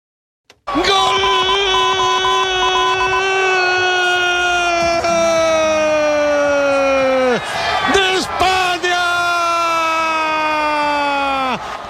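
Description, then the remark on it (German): A crowd in Spain celebrating at night Spain's 1:0 extra-time victory over Argentina in the football World Cup final, dominated by two long, loud, blaring tones that sag slightly in pitch, the first lasting about seven seconds, over a rough wash of noise. “Ja, so klang das in der Nacht bei den spanischen Kollegen.”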